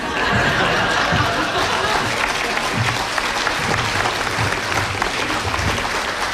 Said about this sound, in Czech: tady se každému tleská.